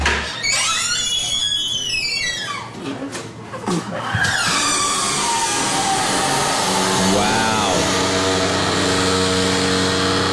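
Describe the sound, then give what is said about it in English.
A door fitted with a hydraulic closer creaks open with a high, wavering squeak that sweeps up and down, followed by lower, drawn-out groaning squeals as it slowly swings closed, over steady background noise while someone briefly speaks. “You heard the open, which was the higher pitch squeak”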